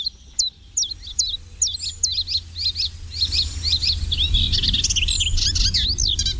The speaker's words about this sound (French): Alors voilà un oiseau qu'on entend beaucoup, qui est facile à reconnaître, c'est le pouillot véloce.